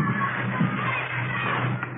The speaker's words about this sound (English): You start in a schoolyard like those kids down there, running around, yelling.